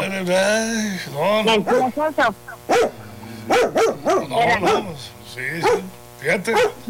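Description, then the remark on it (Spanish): A dog barks agitatedly, starting with a drawn-out whining yelp, then a rapid, uneven series of loud, sharp barks that continue for several seconds. “No, prende el aire, el codo, no, hasta el perro se enojó de aquí, fíjate.”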